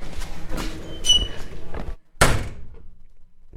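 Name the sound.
door creaking open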